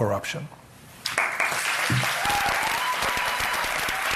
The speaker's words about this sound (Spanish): Con los aplausos de los estudiantes que estaban allí participando en esa charla que era sobre inteligencia artificial